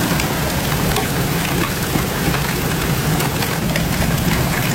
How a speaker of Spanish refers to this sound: acantalear, caer granizo como cantos, como piedras. Vamos a escuchar ese sonido de los granizos acantaleando.